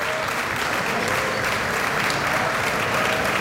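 Steady applause from a crowd, a dense continuous patter of many hands clapping at an even loudness for several seconds, with no pauses and no voices standing out.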